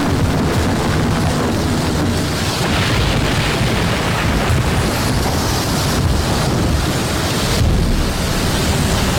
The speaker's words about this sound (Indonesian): Petir menggelegar sambung menyambung. Air sungai Mahakam bergejolak.